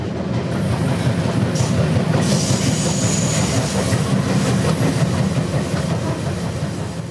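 A passenger train rumbles steadily along the rails, with a dense, continuous low clatter and rhythmic wheel noise, plus a thin metallic hiss or squeal riding above it, no voices.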